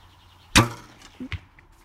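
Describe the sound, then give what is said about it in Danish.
An arrow is loosed from a bow with a sharp, bright snap, followed moments later by a couple of soft, dull thuds as it strikes a target at the far end of a 50-meter back garden, landing almost in the innermost circle. No one speaks. “Så vil du ikke lige prøve at skyde en pil afsted mod målet, der står dernede?”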